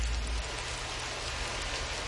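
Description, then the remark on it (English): Steady rain drums on a garage roof, a dense, even patter with a low rumble beneath it, continuous throughout with no voices. “It's like one of my favorite parts of having to open a garage is when it starts raining like that. The sound is nice, you know.”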